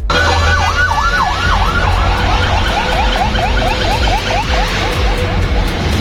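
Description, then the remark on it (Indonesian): Sirens of three fire trucks passing on a road in Malang, Indonesia, wail loudly in rapid, rising-and-falling sweeps, several overlapping as the vehicles pass, with the steady rumble of engines and traffic underneath. “ada Pak Anton yang mengirimkan video terkait dengan 3 mobil pemadam kebakaran sedang melintas”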